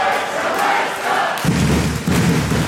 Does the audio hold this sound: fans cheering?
yes